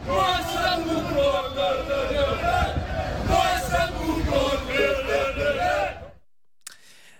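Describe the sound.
A large Greek football crowd at an Olympiakos Piraeus Champions League match against NEC, heading for 0-0, roars and jeers angrily in a dense, continuous wall of voices with shouted chants and whistles, then it cuts off abruptly into near silence.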